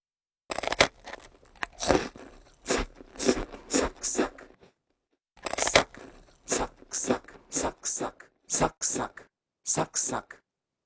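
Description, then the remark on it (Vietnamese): Crisp food being bitten and crunched: a steady series of loud, crackly crunches, pausing briefly about halfway before a second run of crunchy chewing. “Tóm lại thì cứ cái gì giòn giòn, khi cắn đều có thể sử dụng được từ này, giống như là âm thanh sau đây.”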